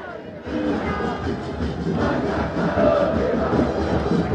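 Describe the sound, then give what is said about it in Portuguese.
Football fans in a stadium keep up a steady, loud chant during a match involving Estudiantes, a dense wash of many voices that holds at an even level throughout without clear breaks. “A torcida não para, hein? Vamos ouvir um pouquinho, ó.”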